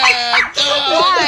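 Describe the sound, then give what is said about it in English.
A person imitates a small dog's high-pitched yipping, two quick, whiny yaps, loud, delivered with no other talking. “If your dog sound like that,”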